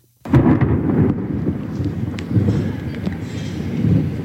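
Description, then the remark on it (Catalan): A deep, sustained rumble of thunder from a night-time thunderstorm in the Gandia area rolls on for several seconds, swelling and fading in waves with crackling peaks, loud, with no voices. “Això era el so que teníem a nit.”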